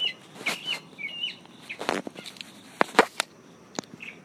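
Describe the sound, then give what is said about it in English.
Birds chirp and whistle outdoors under a tree in South Carolina, a scatter of short, bright calls over a soft background hiss, with a few sharp clicks or rustles breaking in toward the end. “Okay, so that's been my bit to your bit, from South Carolina, underneath a tree with the birds.”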